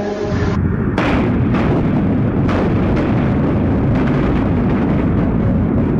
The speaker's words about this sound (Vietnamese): 20 giờ 3 phút ngày 19 tháng 12 năm 1946, từ pháo Đài Láng, những khẩu pháo đã gầm lên, xé toạc màn đêm, mở màn cho toàn quốc kháng chiến.